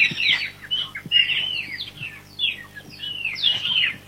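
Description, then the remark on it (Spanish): A bird calls repeatedly in quick, chirpy bursts, bright, with short squawky notes running one into the next over a faint low hum. “El pajarito es Shakura, ¿eh?”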